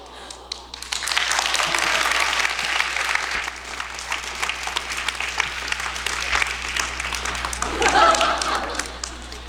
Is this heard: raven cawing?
no